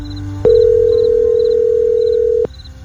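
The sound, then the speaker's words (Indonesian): A steady, unbroken telephone dial tone hums for about two seconds, starting and ending with a sharp click, while faint, evenly spaced chirps repeat quietly in the background, as a phone call is placed to the speaker's mother. “Telepon ibu ah.”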